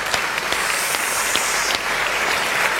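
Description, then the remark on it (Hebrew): Steady applause from a group, dense overlapping claps filling the whole moment at a fairly loud, even level, with no voices standing out. “זה היום עצמם, כפיים. כפיים, יו, יו, יו, איך הלב שלי.”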